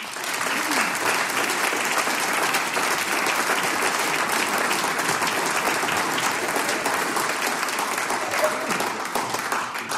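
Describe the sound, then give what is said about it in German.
An audience applauds steadily for the full ten seconds, many hands clapping in a dense, even wash of sound that stays loud throughout without a break, applauding those taking part as thanks for being there. “Ein Applaus für euch.”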